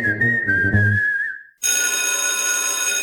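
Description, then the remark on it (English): A brief whistle-like tone over low musical notes cuts out, then a loud electric college school bell rings steadily and continuously, bright, with no voices. “Anderson College's school bell is ringing just for you.”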